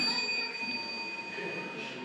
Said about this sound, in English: Okay. So the next one, ring the bell.